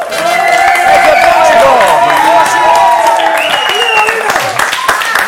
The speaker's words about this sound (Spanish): ¡Un aplauso para él!